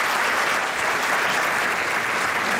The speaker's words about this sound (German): auch nochmal einen großen Applaus hier in unserer Theater.